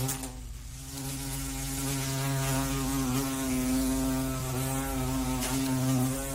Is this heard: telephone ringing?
no